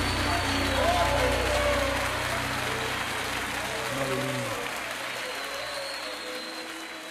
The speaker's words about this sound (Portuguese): Vamos aplaudir ao Senhor, o Rei dos Reis, aquele que vai restituir a tua vida, meu irmão.